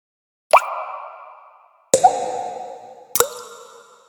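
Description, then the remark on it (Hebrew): Water leaks out through the crack of a cracked water jug on the way home from the spring, dripping in three separate plops, each a sharp watery hit with a short ringing tail, spaced unevenly about a second and a half apart, with no voices. “מים נוזלים החוצה מהסדק שלי.”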